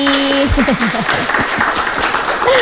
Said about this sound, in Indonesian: Oke, dan juga sudah bersama dengan kita di sini audiens-audiens yang luar biasa, teman-teman mahasiswa, tepuk tangan dulu dong buat semuanya yang ada di sini.